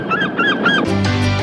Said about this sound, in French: Un mot caché par une mouette.